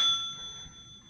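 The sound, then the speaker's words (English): A single bright bell strike rings out clearly, its clear metallic tone sustaining and slowly fading over about a second with no voices present. “The ringing of the bell.”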